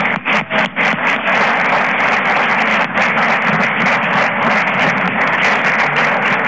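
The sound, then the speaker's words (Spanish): A crowd applauds Natividad Herrán steadily for several seconds, a dense, loud wash of many hands clapping at once with crisp, crackling claps on top and no voices breaking through. “Demos un aplauso a Natividad Herrán.”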